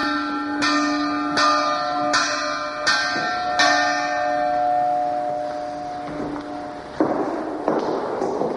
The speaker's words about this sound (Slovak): Alebo zvon vyrobený v Banskej Štiavnici v polovici 19. storočia.